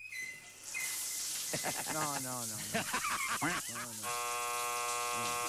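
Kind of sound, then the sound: nature, waterfall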